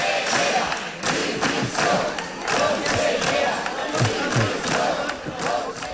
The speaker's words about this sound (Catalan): Els diputats i diputades del PSC i Compromís han demanat a crits la dimissió de la consellera d'Educació, Carmen Ortí,